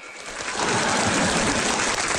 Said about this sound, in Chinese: 听见了吧？看见了吧？鼓掌的、呐喊的，都是我家亲戚。